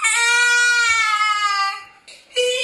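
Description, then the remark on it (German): A severely autistic 7-year-old boy who cannot speak lets out a long, loud, high-pitched scream held steady for nearly two seconds, then breaks off briefly before starting another piercing cry. “Er kann nicht reden und schreit viel.”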